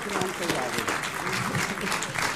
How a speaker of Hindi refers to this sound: तालियों के साथ आज के बहस बाजीगर अनुराग भदौरिया के लिए ताली बजाइए।